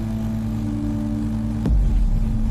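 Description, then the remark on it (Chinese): A drone's steady, droning propeller buzz with a layered mechanical hum holds throughout as it ferries tree saplings to set spots in a mountain gully. About two-thirds in, a brief sharp knock cuts through and the sound turns to a deeper, louder rumble. “无人机的螺旋桨声响彻整个山沟。”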